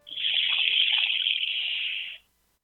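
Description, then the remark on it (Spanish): A handheld instrument bought from native people, played to imitate water, gives a steady, hissing trickle like flowing water, even for about two seconds before stopping abruptly. No one speaks over it. “a ver si le sueno el agua con un instrumento que compré en alguna parte a nativos.”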